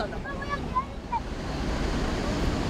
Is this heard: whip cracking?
no